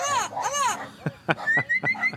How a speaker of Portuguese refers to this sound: Solta o papagaio. Olha o papagaio aí, ó. O boiadeiro.